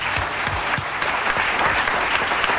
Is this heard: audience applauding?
yes